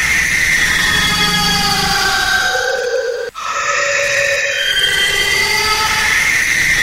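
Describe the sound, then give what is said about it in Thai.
A shrill, insect-like whine from a film soundtrack, a dense buzzing drone of layered high tones that holds steady and fairly loud, broken by one brief dropout midway. No one speaks. “อันนี้อาจจะออกแนวเป็นภาพยนตร์ไปหน่อยแต่ว่าอันนี้ก็เอามาให้ฟังว่าอาจจะเป็นเสียงที่แหลมๆเล็กๆแบบนี้อันนี้คือภาพยนตร์เนาะเขาทำออกมานะครับเป็นเสียงเล็กๆแหลมๆวีบเบาๆเหมือนแมลงสักอย่างดังขึ้นมา”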